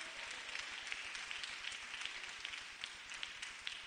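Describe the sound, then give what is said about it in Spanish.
A church audience claps steadily in applause to Christ during a sermon, many hands overlapping into a dense, continuous patter with sharp individual claps poking through, moderately loud and sustained for the full stretch without voices. “Démosle un aplauso al Rey de Reyes y Señor de Señores.”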